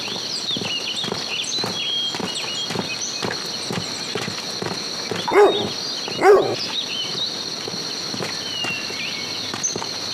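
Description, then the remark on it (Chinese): A purebred hunting dog lets out two sharp barks a second apart, over a steady high-pitched hum and scattered soft footsteps or shuffling. No one speaks. “你的狗看起来是一头纯种的猎犬，那为什么没有发现院子里有藏身地窖呢？”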